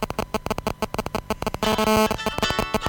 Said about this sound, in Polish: komórka, dzwoni, okay. Działa.